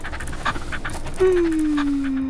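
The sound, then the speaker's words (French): A small brown dog with big blue eyes pants in quick, breathy bursts while being petted, and a steady low tone slides gently downward over the second half. “Toudou s'assoit à côté de lui. Toudou caresse le petit chien.”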